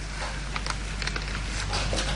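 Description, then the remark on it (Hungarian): Rain starts to fall and patters steadily, a dense wash of soft hiss flecked with scattered brighter drops, moderately loud, with no voices. “Hallod? Eleredt az eső.”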